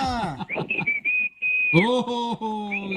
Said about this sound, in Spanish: La cumbia de los chiflidos. Te la repitió dos veces. Ya fue todo. Para eso hablaste, compadre. 10 minutos en el corte esperando en la línea para el chiflido.